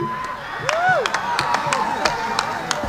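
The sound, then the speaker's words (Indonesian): An audience applauds a dance performance with scattered, irregular claps over a steady crowd murmur, while a few rising and falling tonal sounds, like whistles or calls, ride on top. This is at the closing of the 48th Bali Arts Festival (Pesta Kesenian Bali), 2026. “Tepuk tangan untuk penonton.”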